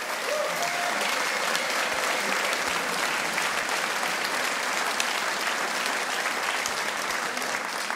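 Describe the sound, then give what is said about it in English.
An audience applauds steadily for the full stretch, a dense, even wash of many hands clapping at a consistently loud level with no voices rising above it, applauding a band member at the sound desk during an accordion music performance. “So big applause to Samuli.”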